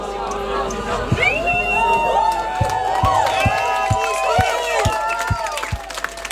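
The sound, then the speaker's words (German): A large crowd sings together loudly and raggedly, voices drifting off-key, while a steady low thump of stomping or clapping keeps the beat beneath the chorus. “Das war jetzt schief, aber laut.”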